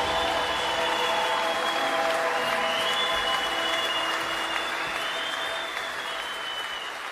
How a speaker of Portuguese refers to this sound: vamos aplaudir aquele que vive e nos envia.